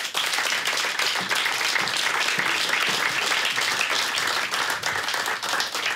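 Sustained audience applause, a dense, steady wash of many hands clapping at an even loudness for several seconds, with no voices over it.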